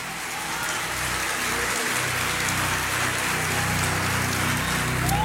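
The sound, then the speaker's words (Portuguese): An audience at a worship service applauds the Holy Spirit in a dense, steady wash of clapping that fills the whole stretch without pause, with a low sustained tone humming underneath. “Quem pode aplaudir é o Espírito Santo.”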